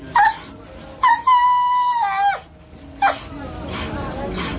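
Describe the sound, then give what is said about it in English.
Hungry, rescued dogs in Uganda whine and howl: a short whimper, then a long, wavering howl lasting over a second, followed by another brief yelp, all over a steady murmur of background noise. “Dogs they say they have rescued that are starving, that are badly injured.”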